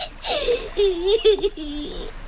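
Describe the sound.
A voice puts on exaggerated fake crying as a little crocodile: a couple of seconds of wavering, whiny sobs and wails, fairly loud, with a faintly giggly edge.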